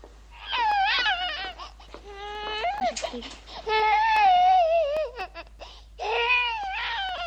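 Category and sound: human body sound, baby crying and babbling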